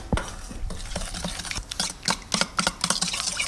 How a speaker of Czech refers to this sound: Úplně nakonec se perníčky ještě potřebují rumovou polevou. Na tu polevu potřebujeme moučkový cukr, přidáme tuzemák, trochu vody, promícháme.